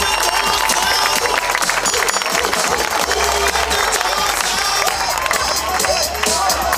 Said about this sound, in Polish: Tak właśnie prezentuje się drużyna Anwilu Włocławek na ten sezon. Wielkie brawa dla nich, moi drodzy. Niech usłyszą wasze wsparcie.